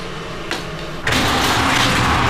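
The door of a peanut soup breakfast shop on an old street is opened before dawn: a brief knock, then a loud, sustained rattling rush as it slides open, with no voices.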